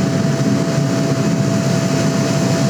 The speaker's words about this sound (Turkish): ABD Başkanı Trump'ın uçağı Air Force One tam vaktinde indi Ankara'ya. Trump'ı taşıyan uçağın Ankara'ya inişi ise uçuş takip platformlarında anlık 100 binden fazla kişi tarafından izlendi.